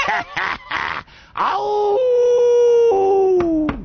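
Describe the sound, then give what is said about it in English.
A man imitates a wolf, starting with a few quick yelping cries, then a long, loud, sustained howl that holds steady before tapering off. “Keep on howling, baby.”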